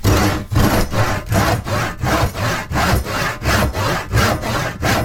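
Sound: hand saw cutting wood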